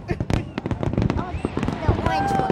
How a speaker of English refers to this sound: What do you think of the fireworks? They're cute.